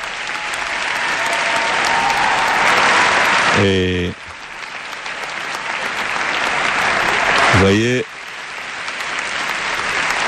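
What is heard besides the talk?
audience applause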